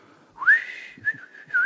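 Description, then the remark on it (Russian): A man seated beside the listener softly whistles a short melodic phrase, the pure tone sliding up and then holding steady across a few connected notes, with no talking. “А он уселся рядом и стал негромко насвистывать.”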